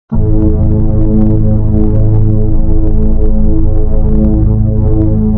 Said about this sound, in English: But if you want the silence, asterisk the static is breathing. Can you hear it, asterisk?